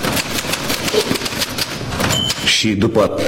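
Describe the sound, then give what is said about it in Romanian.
A typewriter, apparently typing by itself, clatters in a fast, steady run of sharp mechanical keystrokes, fairly loud, then a brief bell-like ding sounds and a voice begins speaking near the end. “Mașina de scris, nu scrie singură.”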